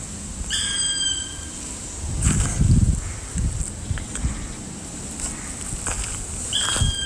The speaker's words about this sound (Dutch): De roep deed haar aanvankelijk denken aan een buizerd, maar toch anders. Ze schrijft: je hoort een zwarte specht. Ja, wat mooi. Wee, ja, het lijkt wel op een buizerd. Maar je hoort ook mijn voetstappen op de droge blaadjes.